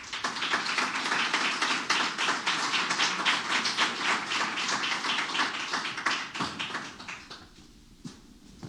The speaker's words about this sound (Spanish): Les invito, por favor, a que lo recibamos con un fuerte aplauso.